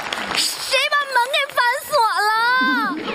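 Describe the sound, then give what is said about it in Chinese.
Three voices make a run of loud, high, wavering honking cries, like people mimicking a goose, with short squawks bunched together and a longer drawn-out wail near the end. “好了，你们仨就不要大鹅叫了。”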